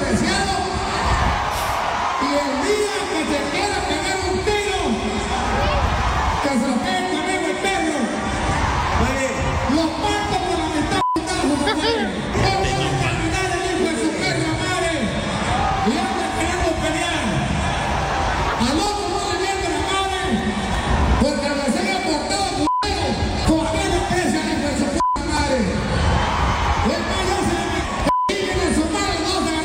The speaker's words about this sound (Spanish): Y pues aquí lo que no entiendo yo también, la gente gritándole sus gracias.